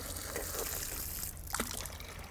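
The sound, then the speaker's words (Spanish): Water runs constantly from a drinking fountain in a steady, hissing trickle for a couple of seconds, with a brief splashy burst near the end and no voices. “Y no todos conocen el truco, no hay que agacharse para beber, simplemente tapar el orificio principal y por un agujerito superior el agua va directamente a la boca.”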